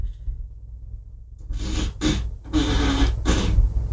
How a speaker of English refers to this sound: I'm sorry, I broke Alexa for this portion of the show. Alexa, ask for a fart.